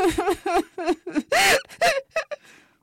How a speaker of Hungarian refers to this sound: Picúrnak legörbült a szája, és sírva fakadt. Keservesen sírt és hüppögött.